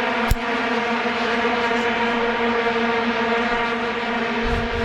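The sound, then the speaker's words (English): A continuous, blaring drone of many plastic vuvuzela horns buzzing together at one low, steady pitch in a stadium during World Cup games, loud and unbroken throughout, with a brief sharp click near the start. “It's like a horn. It's a, like plastic like kind of horn.”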